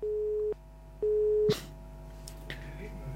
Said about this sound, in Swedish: Det ringer och det tutar och det tutar. Men det är ingen som pratar.